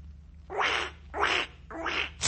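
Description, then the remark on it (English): A squeezed rubber toy duck quacks three times in a steady rhythm, close and fairly loud, with a fourth squeeze starting as it ends, over a low constant hum. “What are you doing to that duck? It's broken.”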